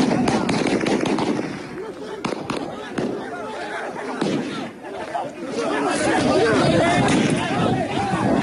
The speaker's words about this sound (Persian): گلوله پاسخ جوانان جویای کار.